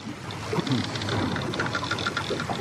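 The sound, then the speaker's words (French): Wooden timbers of Spanish ships' hulls creak repeatedly over a steady wash of water and wind-like noise, with no one speaking. “Ça craque dans les coques des bateaux espagnols.”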